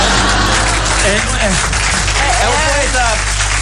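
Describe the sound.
Sustained, loud applause from a group fills the whole stretch, a dense wash of clapping with a few voices talking over it.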